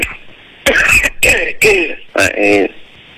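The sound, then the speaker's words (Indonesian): A series of four harsh coughs and throat clearings in quick succession, loud and raspy, with short pauses between each burst and a faint background hum, from a speaker who has a cough. “Oke, saya juga lagi batuk ini.”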